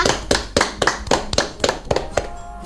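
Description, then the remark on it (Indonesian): Hands clap in a steady, fairly quick rhythm, a string of sharp, moderately loud claps with no one speaking, like a small group applauding in time, applause for a performer who played the sasando. “Tepuk tangan untuk”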